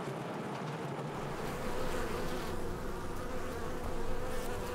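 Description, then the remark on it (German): A dense, steady hum of many honeybees buzzing together in a cider-apple orchard where about 600 bee colonies are kept, a continuous swarm-like drone that swells slightly in loudness, with no voices present. “Rund 600 Bienenvölker sind in der Obstplantage verteilt.”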